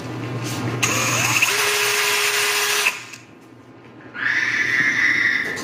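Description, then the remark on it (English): A power drill being used in a garage whirs loudly in two long bursts separated by a brief quieter pause, its high whine steady and strained, with a low hum underneath and no one speaking. “You're using your drill in the garage, and then you hear this weird noise when your drill goes off.”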